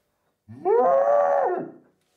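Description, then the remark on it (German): A tuba imitates a cow's moo: one sustained, brassy low note of about a second and a half that swells, bends in pitch, then drops away at the end. No one speaks. “Das war eine Kuh.”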